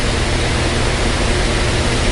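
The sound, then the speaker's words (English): An electric fan blows with a loud, steady whooshing roar that holds constant from start to finish, a dense hiss with a low rumble and no talking over it. “I can't sleep with a fan on in the background.”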